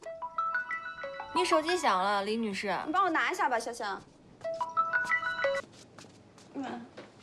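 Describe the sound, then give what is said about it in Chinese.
A woman's mobile phone rings at home before dinner, playing a stepped electronic melody of bright tones, fairly loud, pausing while people talk over it midway, then repeating the same tune. “你手机响了”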